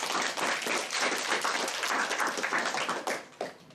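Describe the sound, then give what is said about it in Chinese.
An audience applauding steadily, a dense wash of many hands clapping at once, welcoming a Hong Kong culture promoter onto the stage, holding fairly even before thinning slightly near the end. No one speaks over it. “好，大家掌声欢迎。”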